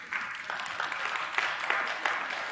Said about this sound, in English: It's not a very good clap, but we'll go with it.